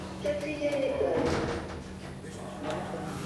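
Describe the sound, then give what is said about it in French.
Elevator doors slide open with a brief mechanical rumble and scrape over a steady low motor hum, moderately loud, then settle back to the hum. “Ouverture des portes.”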